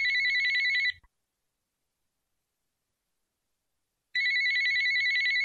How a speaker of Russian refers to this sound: Любовь Александровна хотела позвонить Наде, узнать, как там она, но только лишь успела включить телефон, как раздался звонок.